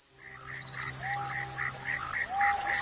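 A Japanese grasshopper sings loudly in a steady, rapid series of buzzy, rasping pulses that repeat evenly throughout, insistent, with a faint rising whistle in the background.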